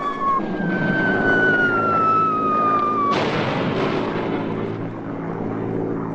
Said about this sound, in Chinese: 怎么就看不见咱们的飞机？